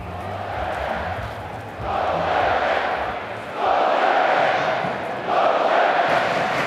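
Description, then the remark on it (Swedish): Norwegian football supporters on the western short end of the stadium, known as Oljeberget, chanting together as they warm up: a loud, massed roar of voices rising in repeated swells roughly every couple of seconds, with no single voice standing out. “Inne på arenan börjar norska klacken på västra kortsidan, det som kallas Oljeberget, värma upp.”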